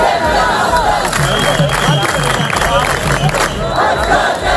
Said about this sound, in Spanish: En España, miles de mallorquines toman las calles de Palma en una protesta masiva contra la masificación de turistas.